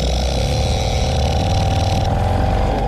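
An old Seagull outboard boat engine runs steadily, a loud, continuous rattling drone with a buzzy high hiss that holds even throughout, no voices.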